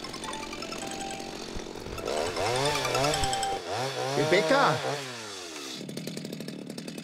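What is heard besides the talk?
chainsaw running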